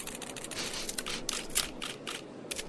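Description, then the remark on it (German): A camera is handled and readied, with a quick series of crisp mechanical clicks and rattles, including shutter-like snaps, over about three seconds with no voices. “beeil dich und mach die Kamera klar.”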